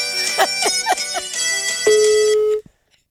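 A mobile phone rings with a bright, melodic ringtone: a few quick chirping notes followed by a sustained tone, loud, cutting off abruptly after about two and a half seconds. It is an incoming test call from another person.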